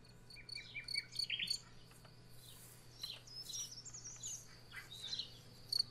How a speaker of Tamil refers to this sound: இந்த சிட்டுக்குருவியின் குணம் சுறுசுறுப்பு, வீடுகளோடு பின்னி பிணைந்த பாசம் மற்றும் சுட்டித்தனம். காலையிலேயே நம் வீட்டிற்குள் வந்து கீச் கீச் என்று சத்தமிட்டு சோம்பலை விரட்டி சுறுசுறுப்பை கற்றுத்தரும் பறவைதான் சிட்டுக்குருவி.